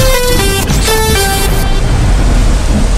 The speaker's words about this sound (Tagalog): Lakas ng ulan!